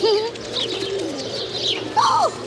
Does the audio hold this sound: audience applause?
no